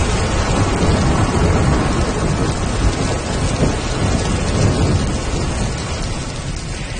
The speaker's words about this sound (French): Ah, le son de la pluie et d'un orage au loin. Est-ce que c'est ce que vous écoutez parfois pour vous aider à vous endormir le soir?